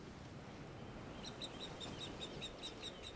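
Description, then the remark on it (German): A mother bird calls insistently from above while her chicks are being ringed, a rapid regular series of about nine sharp, high screams starting partway through, heard over steady outdoor background noise with no talking. “Hört ihr? Das Schreien. Die Mutter ist da oben.”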